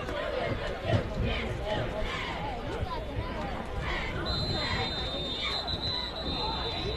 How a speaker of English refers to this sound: And whistles come in again.